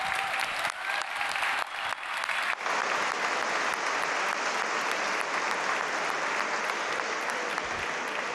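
At the start of an awards evening, an audience breaks into loud, sustained applause for the nominees, dense clapping that swells quickly after a brief quieter start and holds steady for several seconds without any talking.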